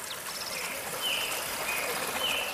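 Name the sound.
flowing mountain stream water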